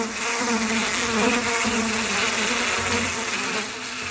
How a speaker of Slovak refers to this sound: Len čo sa dažďové mraky schovali a stará jablonka, ovlažená dažďom, si usušila konáre, malé hmyzíky sa s hrmotom a bzučaním vrátili do školy.